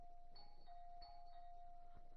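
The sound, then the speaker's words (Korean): A doorbell rings repeatedly in quick succession, bright electronic tones sounding several times over a steady hum, clear with no talking. “어느 장난꾸러기 녀석이 초인종을 이렇게 누른.”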